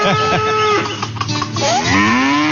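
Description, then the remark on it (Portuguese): A cow moos loudly in long, droning bellows at morning milking time, the first wavering and fading before a second moo swoops upward in pitch and holds steady. No one speaks. “Vamos tirar leitinho da Mimosa,”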